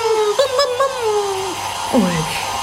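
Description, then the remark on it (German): A steady, even whoosh of a hair dryer blowing runs throughout, with gliding voices sounding over the constant airflow noise. “Ich glaube, ich kann mit dem Föhn deine Wattebällchen abschießen.”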